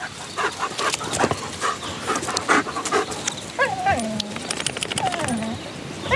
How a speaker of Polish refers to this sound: O, moje sunia, dobry piesek. Cześć, Filunia, ojej, jaka ty jesteś zmęczona.